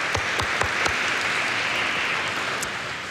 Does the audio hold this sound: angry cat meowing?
no